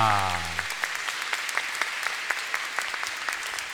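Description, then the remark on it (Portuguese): A crowd claps steadily and densely in a strong round of applause for Our Lady of Salette, the Reconciling Mother, many overlapping hands filling the space, briefly preceded by the tail of a sustained voice or tone at the start. “Mais uma forte salva de palmas, Nossa Senhora Salete, a Mãe Reconciliadora.”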